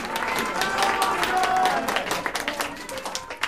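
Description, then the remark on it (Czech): A theatre audience applauds in a dense, steady wash of clapping that holds fairly loud for a few seconds and grows slightly more ragged toward the end, with faint crowd voices mixed underneath. “Nemluv o smrti, když ti tleskají.”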